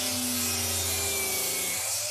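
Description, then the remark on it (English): A 184mm circular saw cuts through PVC pipe with a steady, loud, gritty whine and low motor hum, a continuous rasping grind lasting about two seconds before easing off as the blade finishes. “All right, yeah, that's a 184mm circular saw cutting through some PVC pipe.”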